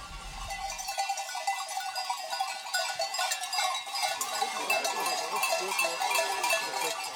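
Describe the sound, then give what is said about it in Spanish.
A flock of sheep with their shepherds arriving home after 8 hours through the mountains, a dense, continuous jangle of many clanking bells with occasional bleats mixed in, steady throughout, with no one talking. “Tras 8 horas por las montañas, ovejas y pastores llegan por fin a casa.”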